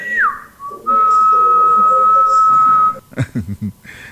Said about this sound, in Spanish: chifla así también.